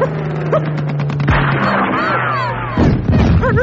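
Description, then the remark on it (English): Rifle gunfire aimed at an attacking bandit plane cracks out in a rapid burst of loud shots, mixed with a steady low drone and a crashing, clattering roar. “Here, take my rifle. Thanks. Right. Now, it's him or us.”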